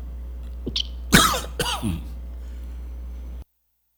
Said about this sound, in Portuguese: Ainda estou com um pouco de tosse. Mas estou bem melhor do que de ontem, né? Ontem estava pior, né?